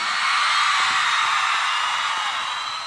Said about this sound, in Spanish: Solo quiero escuchar el grito de las atorrantas presente aquí.